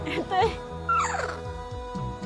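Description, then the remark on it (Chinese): A small dog at a crocodile water restaurant gives two quick, high-pitched yips with a whiny, rising-and-falling tone as its owner arrives and calls it, over a steady low background hum and faint voices. “它的主人来了，叫它，它就听到了。小狗。”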